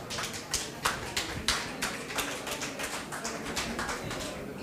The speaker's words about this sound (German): Da sind sie, euer Applaus.